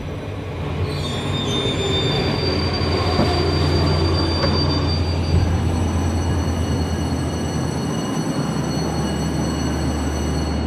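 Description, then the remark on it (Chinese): A train pulls into Lhasa, its terminal station, with loud wheel squeal: sustained high-pitched whines over a heavy rolling rumble. The squeal fades toward the end, leaving a steady low hum. “前方到达终点站拉萨站，请带好随身物品，有序下车。”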